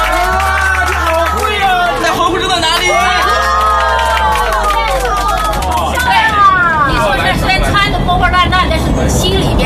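A large audience breaks into loud, sustained applause mixed with cheering and a busy crowd hubbub of many voices, continuing steadily throughout without pause.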